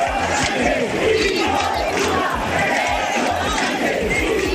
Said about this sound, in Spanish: 6.000 personas abarrotaron a las 8 de la tarde la plaza consistorial y sus aledaños al grito de gobierno dimisión o de Pedro Sánchez, hijo de puta.